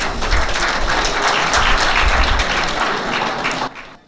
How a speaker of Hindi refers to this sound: आज रात जब हम अपने माननीय अतिथि कलाकार पद्मश्री मदन चौहान और श्रीमती स्वाति शिवाले का स्वागत करते हैं, आइए हम उन्हें इस गौरवशाली परंपरा को आगे बढ़ाने के लिए जोरदार तालियों से सम्मानित करें।